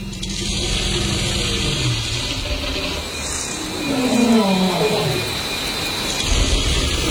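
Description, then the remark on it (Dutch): A deinotherium scrapes steadily through soil while searching for food, making a rough, continuous rustling over a low rumble, with snapping of roots that catch behind its tusk and a short low, falling groan midway. There is no talking. “we hoorden dat geschraap in de bodem. En dat, hoor je dat knappen? Dat zijn wortels, die blijven dan achter die tand haken.”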